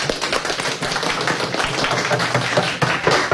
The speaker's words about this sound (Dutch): Applaus